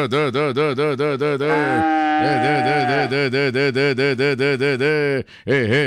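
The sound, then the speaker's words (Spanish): Cattle lowing loudly on a farm in Andes where cows are being hand-milked with their calves present, a steady run of pulsing, overlapping calls from cows and calves that hardly pauses, then breaks off briefly near the end. “saludito, oye, salúdeme pues al patrón que estamos acá jalando teta. Ese sí es con ternero allá en Andes.”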